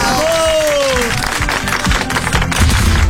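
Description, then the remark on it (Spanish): Loud, steady applause from a crowd for a journalist, dense clapping that fills the whole three seconds, with a brief falling whistle-like tone near the start. “El aplauso, tenemos a uno de los mejores periodistas.”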